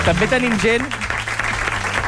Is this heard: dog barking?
no